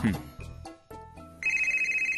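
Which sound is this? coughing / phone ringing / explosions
phone ringing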